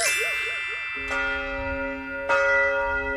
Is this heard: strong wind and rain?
no